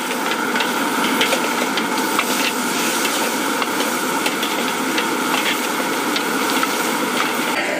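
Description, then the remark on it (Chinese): Loud, steady sizzling of a stir-fry of pickled long beans and meat in hot oil in a wok, with chopped green and red peppers added last: a dense, continuous hiss broken by scattered crackles and pops, with no voices. “酸豆角倒进锅里，热油一激，酸味窜上来，酸香和肉香在高温里反复融合，翻炒再翻炒，青红椒碎最后下锅，配色也是提味儿。”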